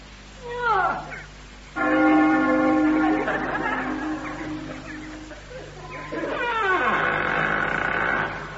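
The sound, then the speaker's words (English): A short creaking scrape as a great rusty iron ring is pulled gives way to a loud, sustained bell tone that slowly fades, then another creak and a second long, ringing, resonant toll. “Ring the bell. Oh, all right. So that'll be this great rusty iron ring, I suppose.”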